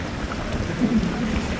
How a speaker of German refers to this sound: Noch hört man nur das Plätschern der Brunnen auf dem Pirnaer Marktplatz.